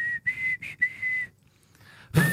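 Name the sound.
person whistling a melody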